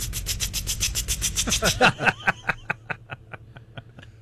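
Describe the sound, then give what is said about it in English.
A person's voice imitates a water sprinkler with a quick run of sharp, hissing ticks that bunch into a rapid rattle, then slow back into evenly spaced spitting clicks, fairly loud. “That my water sprinkler impression might be the best one I've ever done.”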